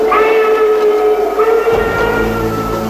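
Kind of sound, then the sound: vehicle, steam train whistle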